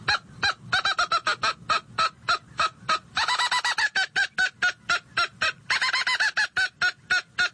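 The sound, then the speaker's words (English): A mouth-blown squirrel call sounds an agitated series of harsh, rapid barks imitating the mad bark of an angry squirrel, loud, with a couple of quicker chattering bursts mixed into the steady rhythm. No talking. “That last series was more of a mad bark that a squirrel will do.”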